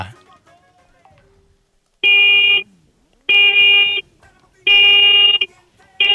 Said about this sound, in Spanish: Va, muñeco, regálame cuatro bocinazos medianitos ahora.